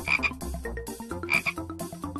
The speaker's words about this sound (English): Frog.